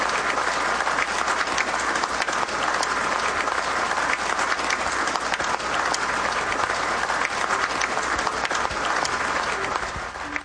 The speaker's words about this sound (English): That's a good place to clap right there.